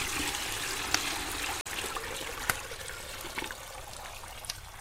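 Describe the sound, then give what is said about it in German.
Hot water pours steadily into wooden tubs with a continuous splashing gush, broken by one brief pause. It stays even throughout, with no voices. “Das Wasser ist aus. Heiß genug.”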